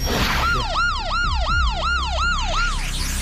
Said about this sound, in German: Ja, das hört sich auf jeden Fall nach einer Sirene an, ne? Das klingt nach einer Sirene.